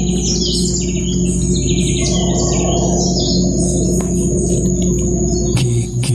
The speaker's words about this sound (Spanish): Entonces llegas a ese hotel fantástico que está enclavado en la selva. Fantástico por eso, porque duermes en compañía de los monos aulladores o zaraguatos que rugen tremendamente. Aquí hay una grabación, a ver si la podemos poner